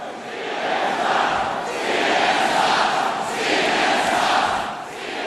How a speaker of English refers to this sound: At this rally in 2017, the crowds are chanting, "CNN sucks."